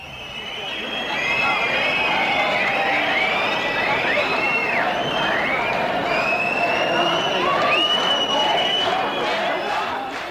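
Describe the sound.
A concert crowd in Rostock roars with sustained cheering and applause, loud and dense throughout, with high whistles and shouted voices rising and falling over the steady clapping.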